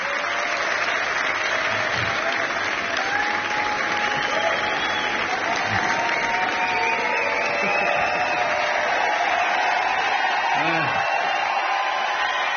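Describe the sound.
Steady, dense applause from a large concert audience at Jazz à Vienne fills the whole clip, a continuous loud wash of clapping with faint cheers and voices mixed in beneath it.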